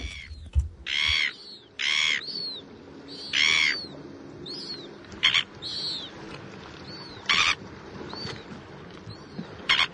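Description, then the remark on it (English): Red-billed gulls (tarapunga) squawk repeatedly, a string of loud, harsh calls at irregular intervals, with quieter calls from other birds scattered between them. “Tarapunga. The Red-Billed Gull.”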